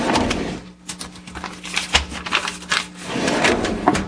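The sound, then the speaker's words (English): Paper rustles and crinkles for several seconds as a large paper chart is pulled out and unfolded, with uneven crisp bursts and no voices. “Just a minute. I'll get out my chart.”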